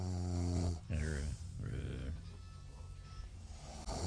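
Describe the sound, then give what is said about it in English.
A man snoring loudly, recorded as a joke on a music album, with deep, rattling, drawn-out breaths repeating every second or so, some ending in snorts. “And yes, the snoring, … tells us, tongue-in-cheek, that it was a joke.”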